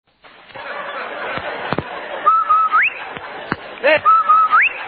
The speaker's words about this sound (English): Hey, Andy, did you hear that, the whistle? Sure do, Amos. That whistle means rinse-o white, rinse-o bright, rinse-o new.